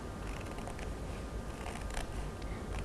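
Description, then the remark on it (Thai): Scissors snip through a paper plate in slow, uneven cuts along a curved line at its top corner, making an elephant mask; a soft crunching rasp with a few sharper clicks, fairly quiet, with no talking. “ผู้หญิงจะตัดในลักษณะเส้นโค้งค่ะเด็กๆ เราก็จะค่อยๆกางกรรไกรแล้วก็ตัด”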